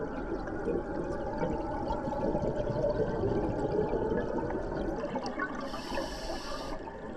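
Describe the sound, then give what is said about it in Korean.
Hot water and gas gush steadily from an underwater hydrothermal vent, the water reaching 53 degrees and rising to mix with the surrounding seawater, a dense, continuous churning rush that stays loud for the whole stretch, with no voices. “뜨거운 물과 가스는 위로 올라가 주변 바닷물과 섞이고 다시 바다의 일부로 순환됩니다.”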